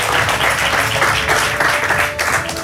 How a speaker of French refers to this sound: Vous pouvez l'applaudir bien fort.